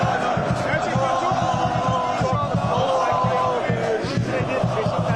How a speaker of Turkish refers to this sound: Vlahović kapıdan çıkar çıkmaz tezahüratlar yükseldi.